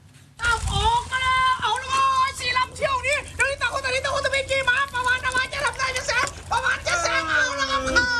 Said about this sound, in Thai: จะเรียกว่าเป็นการจำลองแข่งขันเรือยาวก็ไม่ผิดนะครับเพราะว่าทรงคล้ายๆกันเด็กๆก็พากเสียงเชียร์เหมือนแข่งเรือยาวครับแต่ว่าเรือลำน้อยนี้เรียกกันว่าเรือไม้ดีดหนังยางแบบท้ายตัด